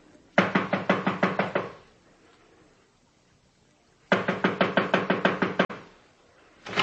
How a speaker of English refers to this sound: This is it. I'll knock. Stay back to the side.